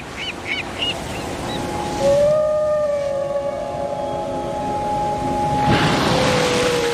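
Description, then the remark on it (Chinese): A Bryde's whale call near Weizhou Island, a volcanic island in China: a long, sustained tonal moan with faint harmonics that holds and slowly glides in pitch over a steady wash of sea noise, after a few brief high chirps at the start. “因为有了这座岛，人们惊喜地发现它们竟然和布氏鲸成了邻居。”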